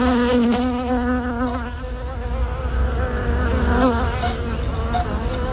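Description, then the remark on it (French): A dense, steady hum of many honeybees buzzing around their hive, their overlapping wingbeats wavering slightly in pitch, with no voices over it. “Une reine qui est à la fois la vie et la raison d'être de la ruche.”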